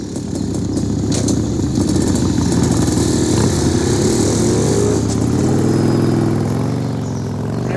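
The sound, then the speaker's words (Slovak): Motorcycle engines rumble loudly, then rev higher and pull away, the roar thinning slightly toward the end. No one speaks. “Tu tí motorkári? No počkajte, vy chuligáni. Veď ja vás dobehnem.”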